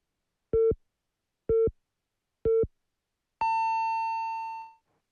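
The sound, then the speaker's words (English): A radio time signal on BEFM, Busan's English-language radio station, marking 6 o'clock: three short, evenly spaced beeps at one-second intervals, followed by a longer, higher-pitched tone that holds before fading out. No voices. “The time is now 6 o'clock.”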